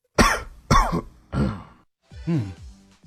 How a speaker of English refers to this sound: A cough? It is. That's right. Sometimes they're so obvious people don't guess them. But yes, you're quite right.